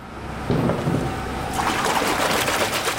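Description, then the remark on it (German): Round, silvery crystal ingots, each about 18 kilograms, are lowered into water baths, giving a steady wash of sloshing, bubbling water that swells louder and hissier partway through, with no voices. “Hier werden runde, silbrig glänzende Klötze in Wasserbäder getaucht.”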